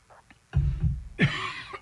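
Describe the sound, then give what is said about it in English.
A single muffled cough with a throaty rumble, followed by a brief bright rasp, with no talking around it. “Excuse me, didn't mean to cough in your ear there.”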